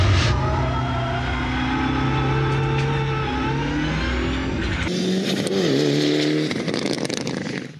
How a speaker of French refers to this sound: Le moteur a beaucoup de couple, c'est assez incroyable. Et par contre, le moteur il prend pas beaucoup de régime, hein. C'est maximum 5500 tours, 6000 tours.